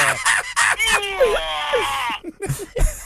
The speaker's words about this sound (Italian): Mi ha salutato! È stato un urlo! Hai riconosciuto il rumore? È un sollevatore di pesi, secondo me.